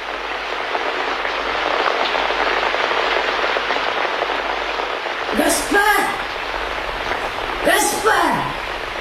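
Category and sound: nature, heavy rain pouring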